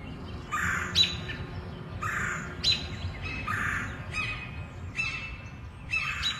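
Birds chatter and squawk in the Forest Hills treetops in a rough, repeating series of harsh calls with sharp chirps overhead, several voices overlapping against a low outdoor rumble.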